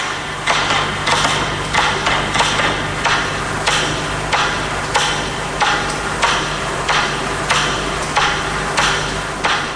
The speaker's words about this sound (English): Eventually, there are only a handful left ticking. And then, just one final metronome.